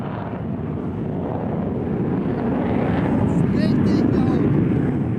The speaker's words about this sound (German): Um uns herum starten immer wieder Kampfjets.